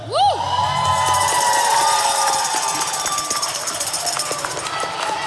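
A crowd cheers and applauds, with high whoops and shouts rising at the start over a dense, steady wash of clapping that carries on loudly throughout.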